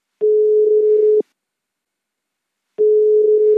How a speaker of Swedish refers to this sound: Jag ringde upp Mattias Rosén igen.